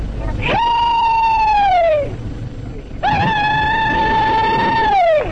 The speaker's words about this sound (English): This is a Confederate soldier doing his Southern battle cry, the rebel yell.